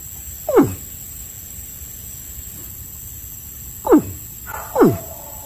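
Three low, descending bellows from a caiman in Vega Baja sound out, one early and two close together near the end, each a short rumbling sweep downward in pitch over a steady background hiss.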